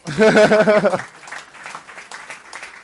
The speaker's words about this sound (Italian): Un applauso.